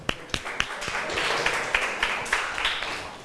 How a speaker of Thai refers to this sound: ขอเสียงปรบมือเป็นกำลังใจให้เพื่อนจากกลุ่มที่5ค่ะ